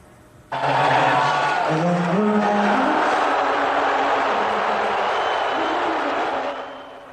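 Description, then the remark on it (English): A huge arena crowd at Madison Square Garden in New York suddenly erupts into a loud, sustained roar of cheering as President Trump appears on the Jumbotron during the national anthem at an NBA Finals game. The roar holds for several seconds before easing off, with a faint melodic tone running underneath. “You could hear the crowd audibly erupt when President Trump appeared on the Jumbotron as he joined the Knicks owner and his granddaughter, Kai Trump, in a box seat.”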